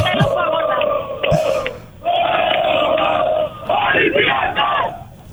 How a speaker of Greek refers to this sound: Ακούτε το κλίμα, πανηγύρι από τώρα. Πανηγύρι τραγούδι.